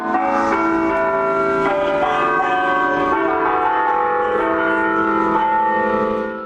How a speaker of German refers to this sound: Über 80 Glocken hat der Antoni Gaudí geplant. Ihr Glockenspiel soll mit dem Wind über die ganze Stadt wehen.